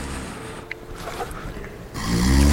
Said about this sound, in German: Warum kann der nicht aufhören zu schnarchen, der blöde Sack?